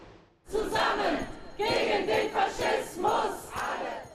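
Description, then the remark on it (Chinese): Thousands of protesters at the Brandenburg Gate in Berlin, Germany, holding anti-far-right placards, chant anti-fascist slogans in unison and applaud, calling for a ban on the AfD party; voices rise and fall in rhythmic phrases with brief pauses between them, loud, with no single voice standing out. “现场数千名民众聚集，人群手持多款反极右翼标语牌，高呼反法西斯口号，鼓掌助威。”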